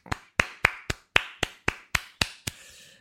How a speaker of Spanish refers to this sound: Un aplauso.